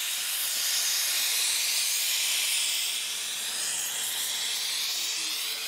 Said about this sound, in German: Für die müssen die Bauklempner das Kupfer erst aufglühen, um sie formen zu können.